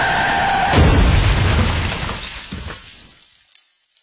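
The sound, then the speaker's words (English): A loud burst of breaking glass hits at once, followed by a scattering of tinkling shards that fades out over a few seconds into silence. “Speeding shatters your excuses.”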